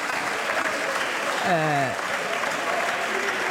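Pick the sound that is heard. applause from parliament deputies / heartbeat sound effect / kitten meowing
applause from parliament deputies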